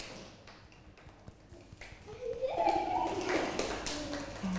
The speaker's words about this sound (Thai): สั้นแล้วเราสามารถทำเสียงให้มันดังได้ไหมคะ ได ้ได้อันไหนลองปรบมือดังๆแล้วปรบมือเบา